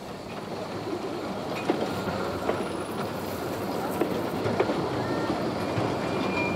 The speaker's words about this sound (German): Das, liebe Zuschauer, war unser Film aus dem Jahr 2000, die Fahrt mit dem Bummelzug von Apres-Villers.